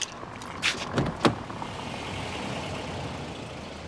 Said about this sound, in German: Ah, das Auto parkt.